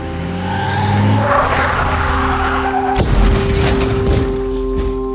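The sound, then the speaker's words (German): An SUV's engine roars with tires squealing, then a sudden loud bang as a tire bursts around the midpoint, followed by a rough, crunching impact as the SUV crashes into a restaurant wall and a lingering rumble, loud, with no voices. “Der Knall des Reifens übertönte den Schuss meiner Pistole. Der SUV krachte gegen die Wand des Restaurants.”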